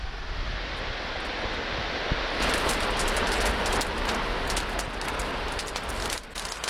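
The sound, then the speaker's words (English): A loud, steady roar of a sugar cane field fire burning in the Burdekin, in a paddock dried out after watering stopped 6 to 8 weeks earlier, with sharp crackles and pops snapping through it, growing busier partway in. No voices. “If you'd like to see that cane fire, all you need to do is head online to Facebook, search for ABC Far North”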